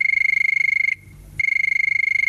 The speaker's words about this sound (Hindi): सुन रहे हैं ना, फोन की घंटी बज रही है, कहीं ये आपका ही कॉल तो नहीं?